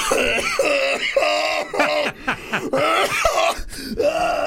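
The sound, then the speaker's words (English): A person coughs and clears their throat several times in close succession, with rough, strained vocal grunts between the bursts. “I'm not sneezing, am I? I'm coughing.”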